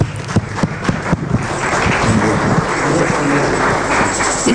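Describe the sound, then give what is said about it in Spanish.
A crowd at a Christian worship service claps loudly and steadily for the Lord, starting with a few sharp, separate claps that quickly build into dense, continuous applause. “Fuerte el aplauso al Señor.”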